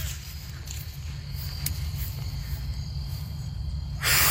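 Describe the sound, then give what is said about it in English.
A steady low rumble fills the background, then a sudden breathy puff of air bursts out near the end as a child blows hard to blow the seeds off a dandelion. “And we took a dandelion and we tried to blow off all the seeds, but only one side would come off.”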